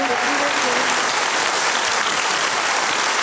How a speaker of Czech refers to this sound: Ano, dámy a pánové, dovolte nám, abychom pozvali další nominovanou šarmantní osobnost, kterou není nikdo jiný než půvabná okouzlující herečka Libuše Švormová. Děkujeme za ten potlesk.